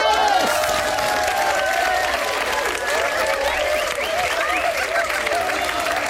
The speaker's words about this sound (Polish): Ale się klaskacze przyłożyli.